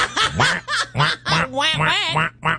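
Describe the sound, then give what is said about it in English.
A person imitates a duck, letting out a rapid string of about seven nasal, raspy quacks, loud, with no other sounds around them. “Well, so walks like a duck and swims like a duck.”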